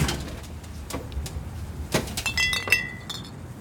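Three glass soda-pop bottles, including Orange Crush and a strawberry soda taken from a refrigerator, clink against each other in a few bright, ringing taps, with a sharper cluster of chimes near the end over a low background rumble.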